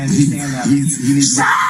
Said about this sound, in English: So you can hear the screaming going on here.